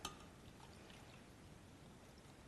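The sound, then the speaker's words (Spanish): A little more than a cup of water pours steadily into a container, a continuous soft splashing rush that begins with a brief clink and runs evenly throughout, fairly quiet, with no talking. “Ahora le voy a poner el agua.”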